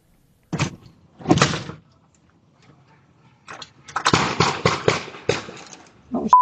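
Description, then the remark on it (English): Multiple gunshots from an intersection in Biddeford, Maine, around 7:17 in the morning, picked up by a home doorbell camera: two separate bangs, a brief pause, then a rapid irregular volley of sharp cracks, slightly muffled and echoing outdoors. “The gunshots are heard in a video captured by her doorbell camera.”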